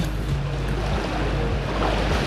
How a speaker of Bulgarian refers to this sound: Здравейте, намирам се на плаж край море. Наистина прекрасно септемврийско време. Както казват, вижте, морето е като тава. Няма нищо общо с мъртвото вълнение в края на август.